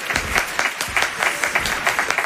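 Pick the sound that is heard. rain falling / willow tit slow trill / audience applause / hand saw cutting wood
audience applause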